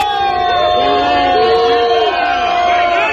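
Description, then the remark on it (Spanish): A large protest crowd at the Plaza Cataluña encampment in Barcelona roars with sustained booing and overlapping shouts of "vergüenza" in reaction to Junts per Catalunya announcing it will vote against both decrees, dense and loud throughout, many voices blending into a continuous angry din. “Entre abucheos, al grito de vergüenza, enfado e indignación también en la Puerta del Sol”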